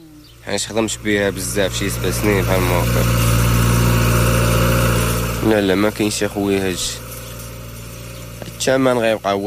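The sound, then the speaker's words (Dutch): A recently bought tractor, also rented out to other farmers, idles steadily on a farm near the village of Tiveld, Morocco, a low continuous rumbling drone that runs through the whole stretch while a man speaks over it in short bursts. “Hij heeft onlangs een tractor gekocht die hij ook te huur aanbiedt aan andere boeren.”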